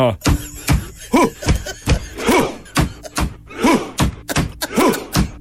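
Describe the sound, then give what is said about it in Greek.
A Viking war clap performed by football players, who mimic rowing: heavy, steady drum thuds booming at a regular pace, with a loud chanted crowd shout rising every few beats between them. “Χτυπάνε με ένα τύμπανο, παπ, παπ. Τι κάνουν, βγάζουν και κραυγές.”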